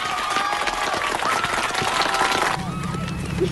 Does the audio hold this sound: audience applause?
yes